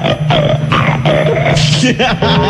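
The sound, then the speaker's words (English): A caller's voice on a WNBC radio call-in imitates a pig, oinking like a Canadian bacon: a loud, rapid series of nasal, grunting oinks with rising and falling pitch, one after another for a couple of seconds. “Let me hear you oink like a Canadian bacon.”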